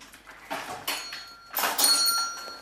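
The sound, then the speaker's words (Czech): A small bell rung several times in quick, uneven bursts, its bright metallic jingle moderately loud, with a thin ringing tone lingering after the last shake. “ty tam zase snad už nezvolníš na zvonec, ty opice.”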